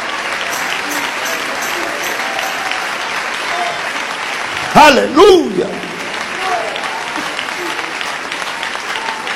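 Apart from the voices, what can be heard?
audience applauding in praise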